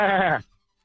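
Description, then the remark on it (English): A person mimics a goat's bleat: one loud, quavering cry lasting under half a second, then silence. No other voices or sounds. “Let's hear your best goat.”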